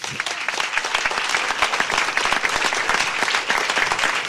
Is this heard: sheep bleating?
no